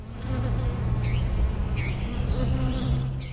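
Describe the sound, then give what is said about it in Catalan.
Steady, dense buzzing of wild and domestic bees and flies around flowers in an unsprayed field, a continuous droning hum with overlapping wingbeats, while faint chirps flit above it now and then. “Si observem amb deteniment l'estesa floral, en un camp no fumigat, hi trobarem abelles silvestres i domèstiques, erugues i papallones, aranyes i mosques.”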